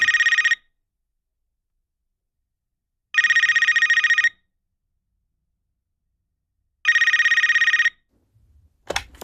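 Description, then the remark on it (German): A studio telephone rings loudly with an incoming call in three rapid, buzzing trills separated by pauses of about two seconds, followed at the end by a brief click like a handset being picked up. “Du bist am Telefon, wie kann ich helfen?”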